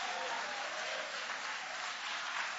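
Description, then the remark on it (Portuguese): An audience applauds for Jesus after a Bible reading, with steady, dense clapping from many hands, sustained and fairly loud throughout, with no pauses or distinct voices breaking through. “Podem tomar o vosso assento, guarda a Bíblia com carinho e aplausos forte para Jesus.”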